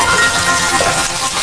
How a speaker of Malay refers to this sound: Lihat nih, Pak. Banjir semua. Mengapa Ibu biarkan saja keran air ini terbuka?